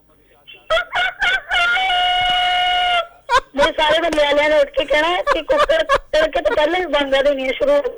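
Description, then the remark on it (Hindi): At night, a woman imitates a hen with a long, sustained crowing call, then breaks into a rapid run of choppy clucking squawks, loud, with bursts of talking woven through. “अभी तो रात है ना, मुर्गी की आवाज में सही से निकाल नहीं सकती।”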